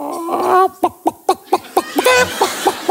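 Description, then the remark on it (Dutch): A person imitates a chicken with their voice, starting with a drawn-out vocal note and then giving a quick series of about eight sharp, evenly spaced clucks, fairly loud. “Maar ik kan nog een kip.”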